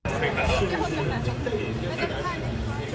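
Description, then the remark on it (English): A bustling stadium crowd in Beijing at the Humanoid Games, a robot competition, fills the air with steady, dense chatter and overlapping voices, a constant loud hubbub with occasional brighter shouts rising above the babble. “Inside a bustling Beijing stadium,”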